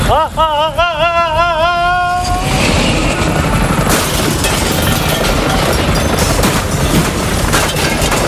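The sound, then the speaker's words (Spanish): A radio show's aerial mobile unit helicopter roars, its loud, steady rotor chop filling the scene after a brief wavering, whistle-like tone at the start. “Cuéntanos, Cid, desde el helicóptero.”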